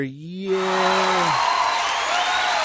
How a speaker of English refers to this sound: Wow, you brought cheers with you. That's awesome.